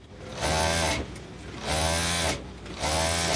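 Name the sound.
sewing machine running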